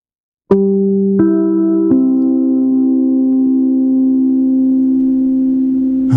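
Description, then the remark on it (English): The WNBC radio station identification chime: three bell-like notes struck in quick succession, their pure tones blending and ringing on together for several seconds, with no voices. “I like that chime. Do you remember that chime?”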